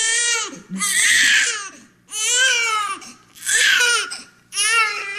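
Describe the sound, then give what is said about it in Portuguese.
A newborn baby cries in loud, rising wails, four strained bursts in a row with short gasping pauses between them, alone. The baby was born in an ambulance and is being held on arrival at a maternity ward. “Oh, senhora enfermeira, este bebê nasceu dentro da minha ambulância e agora, aqui, ao chegar à maternidade, a parturiente deu de frosques e eu fiquei com o puto nos braços.”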